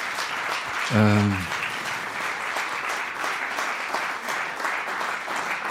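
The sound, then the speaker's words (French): An audience applauds the performing team steadily for several seconds, a dense, even wash of clapping, with a brief raised voice calling out near the start. “Donc, je crois que vous pouvez les applaudir encore très très fort.”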